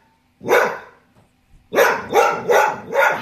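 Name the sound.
dog barking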